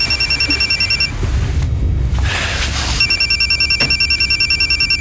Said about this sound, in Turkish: Telefon çalıyor.